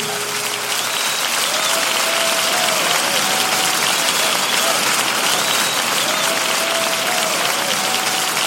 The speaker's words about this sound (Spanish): Dele fuertes palmas al Señor, aleluya.